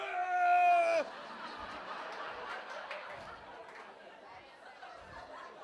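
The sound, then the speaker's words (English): A woman lets out one loud, high-pitched scream in protest that lasts about a second, then breaks off into a background of mixed chatter and scattered laughter from a small group. “Because we stick with you when you scream like that.”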